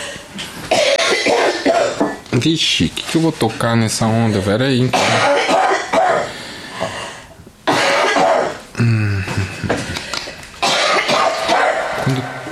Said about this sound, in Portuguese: Eu vou tossir, verificar.